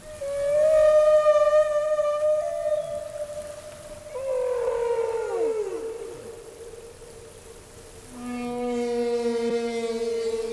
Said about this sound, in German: Tja, ob ein Wal dabei jetzt aber so dasselbe empfindet wie jetzt ein Mensch beim Singen, das wissen wir natürlich nicht.